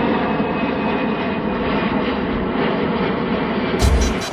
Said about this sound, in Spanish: Ahora sí, ya escuchaste ese avión.